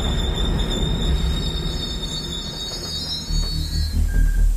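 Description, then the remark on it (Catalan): A British night mail train travelling from Glasgow to London brakes to a stop near Cheddington, forced by a tampered railway signal, with a sustained, high-pitched metallic squeal of its wheels over a heavy low rumble, loud, with no voices. “Tot semblava normal, fins que, a prop de Cheddington, un senyal ferroviari manipulat va obligar el tren a aturar-se.”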